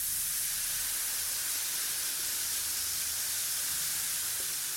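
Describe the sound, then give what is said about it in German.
Baking powder fizzing in hot water poured over it in a bowl, a steady bright hiss with fine crackling bubbles that holds evenly for several seconds, alone without any voices. “Ach, herrlich, wie es zischt.”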